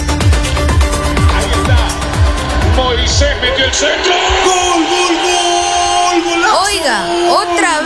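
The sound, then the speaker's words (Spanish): A crowd shouts and yells loudly and continuously over the World Cup, with rising whoops cutting through the din, after a few seconds of steady pounding beats at the start. “Gritadera.”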